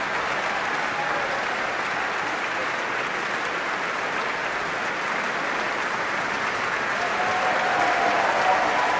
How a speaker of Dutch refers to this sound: En dit applaus is voor Ad Willeman, Raymond Rook en Johan Verheij, de trompetisten van het Radio Philharmonisch Orkest.